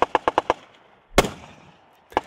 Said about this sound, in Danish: På Bornholm kan man rundt omkring høre skud og brag i de her dage.